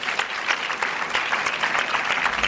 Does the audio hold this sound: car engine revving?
no